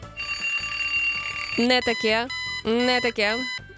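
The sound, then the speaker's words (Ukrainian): An electronic alarm clock ringtone sounds: a steady buzzing tone gives way to loud, warbling melodic bursts that rise and fall in quick repeated phrases. “Вже ніяких таких дзвінків на будильниках не буде.”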